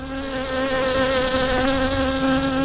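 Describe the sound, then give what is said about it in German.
A bee buzzes steadily, its droning hum wavering slightly in pitch as it hovers around, with no voices present. “Das ist etwa die gängigste Reaktion, wenn man ein Bieni um sich herum gehört summen.”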